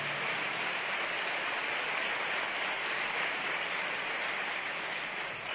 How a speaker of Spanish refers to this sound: Y le damos a Él aplausos. Amén.